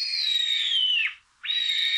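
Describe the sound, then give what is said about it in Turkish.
A Eurasian sparrowhawk, recorded by Dursun Bal in Konya, calls with two long, shrill, whistling cries, loud; the first slurs downward at its end, then after a brief pause the second rises back in and holds steady. “Atmacayı Dursun Bal Konya'da.”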